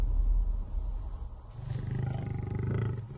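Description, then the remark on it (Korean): A male lion roars, a deep rumbling call that swells in the second half with pulsing, grunting bursts. It sounds loud, with no voices present. “이 땅을 노리던 수사자가 돌아왔습니다.”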